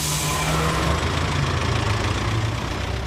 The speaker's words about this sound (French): Ben voilà, ça y est, nous sommes embarqués et le bus va démarrer.